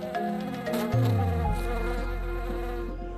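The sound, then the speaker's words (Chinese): Honeybees buzz in a steady, layered drone around loquat flowers blooming in winter across the hills of a lake island in China, several wingbeats overlapping as their pitch rises and falls while individual bees pass. No one speaks. “漫山的枇杷花在冬季盛开，是蜜蜂们的天堂。”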